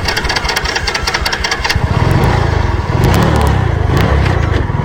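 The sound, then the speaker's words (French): The motorcycle engines of two ecology guards idle with a steady low chugging at the entrance of the Chinko airfield at dawn, then rev up louder around the middle, with sharp mechanical clicks and knocks layered over the running motors. “À l'aube, dès le premier chant du coq, deux gardes spécialisés en écologie positionnent leurs motos à l'entrée de l'aérodrome de Chinko.”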